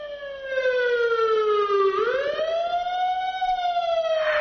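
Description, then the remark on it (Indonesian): A loud siren wails as a vehicle passes by, its pitch sliding down, then jumping and rising again in a clear Doppler shift, with no voices present. “Kalian pasti pernah lagi berada di pinggir jalan, terus dengar suara sirene atau musik dari sound system mobil yang lewat.”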